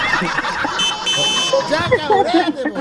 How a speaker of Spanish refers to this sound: Ah, Le suena fuerte la bocina de la moto.